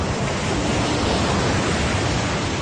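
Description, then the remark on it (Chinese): A steady, broad roar of ocean surf with no distinct individual crashes, a constant wash of waves breaking on the shore at even loudness throughout, with no voices. “孩子们，你们看，前面那片蓝蓝的，就是大海。”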